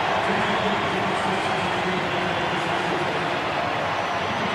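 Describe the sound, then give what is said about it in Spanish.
A large stadium crowd at a Nashville versus New York City Major League Soccer match applauds steadily as Nashville's English player Sam Surridge is substituted in the 71st minute, a dense, even wash of clapping and cheering that holds at a constant loudness throughout, with no voices standing out. “Escuchen este aplauso.”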